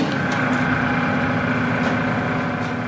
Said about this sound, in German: steht vor einer Drehbank und schleift ein rechteckiges Stück Plastik zurecht. Rund soll es werden, das Gehäuse eines Kugelschreibers.